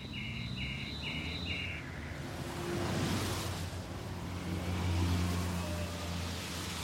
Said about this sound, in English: I can lie in bed at night and I can hear the swooshing of cars along the street at 2 or 3 in the morning like that. And it's a very calming sound. It's just a really kind of calming sound to hear it, and it just comes and it goes